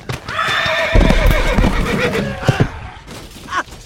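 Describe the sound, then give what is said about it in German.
A horse whinnies loudly in a long, wavering high-pitched neigh, with a few heavy thuds like stamping hooves beneath it and a short snort at the end. “Das Ross schließt einen Kompromiss und entscheidet sich für 3.”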